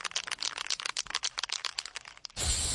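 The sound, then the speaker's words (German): A spray can is shaken with a quick, irregular clattering rattle for a couple of seconds, then a steady, loud hiss of spraying takes over. No voices are heard. “Das Klappern und Sprühen von Sprayflaschen klingt für Lars Klemmer vom Stromnetzanbieter Edis erstmal nach viel Arbeit.”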